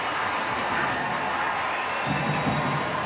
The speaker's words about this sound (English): Taking the shot. Silkowitz with the one-handed save. What a stop by Jordan Silkowitz. Brings the crowd to a frenzy.